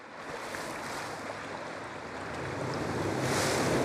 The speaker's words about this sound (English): In the coastal zone of the South Pacific, where the waves crash against the cliff, another family unit is going about their day.